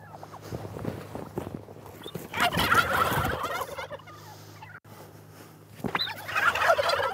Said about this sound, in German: Christine will den kranken Puter auf ihre Krankenstation bringen.